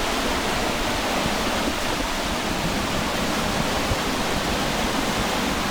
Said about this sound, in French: Alors si on va un peu plus loin, il y a un saut, une cascade, enfin une sorte de... Ouais. C'est super beau.